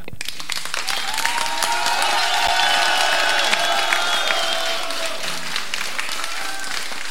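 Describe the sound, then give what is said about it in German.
An audience at a live schlager radio broadcast applauds steadily for several seconds, dense overlapping claps, with a few scattered whistles and cheers riding on top of the clapping. “Hört ihr das Publikum, wie das klatscht?”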